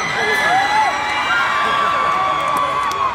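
A concert crowd cheers loudly and steadily after a fan threw her underwear on stage, a dense wash of many voices with shrill whoops and screams rising above it throughout.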